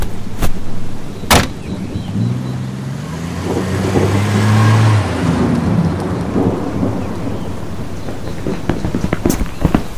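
The Fisks' car engine revs up with a rising whine and pulls away from a driveway, fading over several seconds against steady heavy rain, with a couple of sharp knocks at the start.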